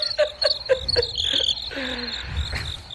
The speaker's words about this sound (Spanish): Grillos. Ah, grillos. Hola, se han tenido trabajo todo este año estos grillos, hola.